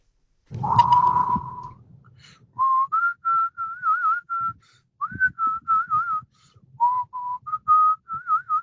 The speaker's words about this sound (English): Oh, whistling is a great joy.